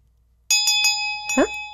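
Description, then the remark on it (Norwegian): A small hand bell rings rapidly several times, bright, its metallic tone lingering and overlapping between strikes after a moment of silence. “Det ringer inn til ny låt i 9-timen.”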